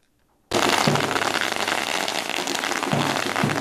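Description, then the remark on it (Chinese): A long string of firecrackers crackles without pause after a brief silence, a loud, dense rattle of rapid pops that stays steady to the end, as the Pumen High School baseball team from Kaohsiung, national runners-up, walks into their campus. “鞭炮声不断，球员整齐走进校园，两旁学生热烈迎接。”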